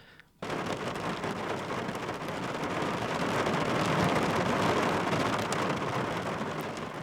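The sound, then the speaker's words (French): Steady, dense rain drums on a car, heard from inside the vehicle, kicking in abruptly after a brief quiet moment and holding a constant, enveloping hiss with no voices. “Votre rapport de la ville à la pluie passe-t-il par la voiture?”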